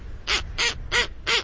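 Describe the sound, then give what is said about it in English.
A snowy owl gives four harsh, raspy barking calls in quick, even succession, each short and loud, with only faint background noise and no voices. “Have you seen a snowy owl in your neck of the woods?”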